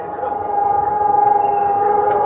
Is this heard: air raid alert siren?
yes